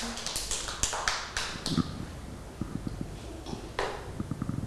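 A group of children clap their hands in a quick, uneven patter of sharp slaps that thins out into scattered, softer claps, with no talking over it.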